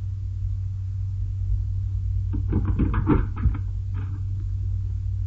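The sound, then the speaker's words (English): Someone pounds hard on a door to break it down, a quick flurry of heavy thuds followed by one more blow, all over a steady low rumbling hum. “we break down the door.”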